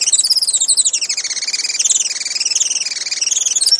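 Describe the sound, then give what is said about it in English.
Juan Fernandez firecrown hummingbird, found only on Robinson Crusoe Island, calls: a steady stream of rapid, very high-pitched squeaky chirps that waver up and down in pitch, fairly loud and continuous, with no talking. “Today, conservationists with Oikonos ecosystem knowledge are working to restore the island's native forests and to ensure a bright future for the Juan Fernandez firecrown.”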